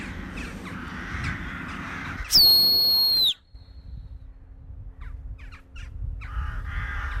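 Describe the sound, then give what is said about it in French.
Harsh, overlapping alarm calls from a flock of jackdaws in the sky, broken by a loud, sustained human whistle; afterwards the calls continue more faintly, with light outdoor background noise. “Les choucas. C'est fou parce qu'on avait l'impression qu'il n'y avait personne.”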